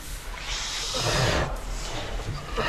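A distressed gilt at Diddly Squat Farm, struggling to give birth to piglets, grunts and snorts in harsh, breathy bursts that run together for a few seconds, fairly loud, with rough low rumbling beneath. No one speaks.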